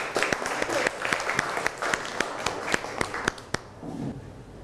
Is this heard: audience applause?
yes